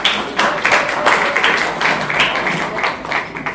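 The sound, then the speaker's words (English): An audience at an event claps steadily for a few seconds, applauding a program they listened to, a dense crackle of many hands at a fairly loud, even level with no speech over it. “Please, can we clap for it, please?”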